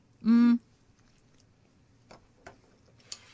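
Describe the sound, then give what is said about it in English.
A short hummed "mm" from a voice, then quiet chewing: a few soft, irregular crunchy clicks of food being eaten, with no talking. “Please say something while I'm chewing.”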